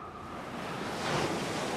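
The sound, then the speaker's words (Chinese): Broad, hissing wash of ocean surf rolling in, swelling louder toward the end as a wave breaks, with a steady windy roar underneath and no voices. “山风海浪雨打芭蕉是大自然的创作”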